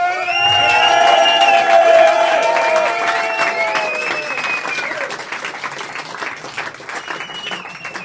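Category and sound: crowd, audience applause and cheering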